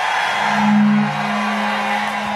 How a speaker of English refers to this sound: somebody bought a truck horn.